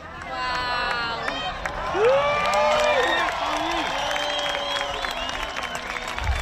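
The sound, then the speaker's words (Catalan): A crowd at Cala Blanca, Menorca, breaks into a spontaneous ovation during a solar eclipse, with sustained cheering, rising whoops and scattered clapping blending into a loud, steady roar of many voices. “També hi va haver ovacions espontànies com aquesta a Cala Blanca, Menorca.”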